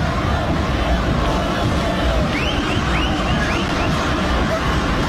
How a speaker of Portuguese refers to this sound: É a festa da torcida do Juventude que tá fazendo... A festa tá gritando muito, comemorando essa vitória por 2-0 aqui no estádio Liberto Ilse.